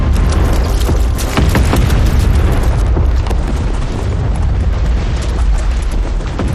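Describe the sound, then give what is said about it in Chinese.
Artillery fire rumbles from the north, a steady barrage of deep booms blending into a continuous roar for several seconds, with no voices heard. “炮声是从北边打过来的，难道敌人绕到我们后边去了？”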